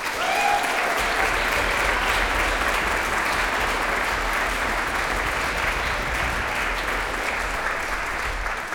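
Sustained audience applause at a concert for several musicians, a dense, even wash of many hands clapping at steady loudness for several seconds with no voices over it.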